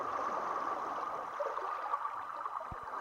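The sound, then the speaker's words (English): Environmental stream from Insula, the floating arts platform on the Spree River in Berlin: steady rushing of flowing river water, a continuous wash of noise with a couple of brief low thumps near the end; no voices. “This transmission from Berlin is curated by Blanc-Sciolle and includes environmental streams and live events happening over the 24th and 25th of July on Insula, the floating arts platform on the Spree River”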